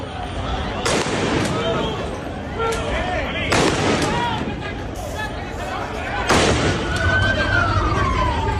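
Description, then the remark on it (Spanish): Three loud gunshots fired by police to disperse protesters ring out a few seconds apart, each echoing, over a restless crowd with shouting voices and a faint siren-like wail rising near the end, near Trampolín beach in Ceuta, Spain. “Escuchábamos esos disparos que han tenido que realizar las fuerzas de orden público para tratar de dispersar a algunos manifestantes que de forma paralela este miércoles acudían en masa a la zona donde pernoctan algunos de los migrantes”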